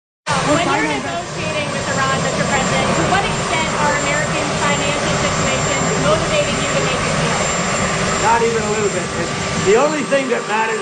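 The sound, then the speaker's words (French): A loud, steady helicopter roar fills the whole recording behind Donald Trump, who talks continuously over it while being questioned about his negotiation with Iran, the engine noise never letting up. “Bon, alors, je reprends la parole ici parce qu'on entend beaucoup l'hélicoptère derrière lui, mais il est questionné sur sa négociation avec l'Iran.”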